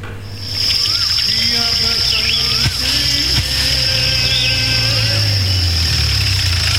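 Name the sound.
car engine idling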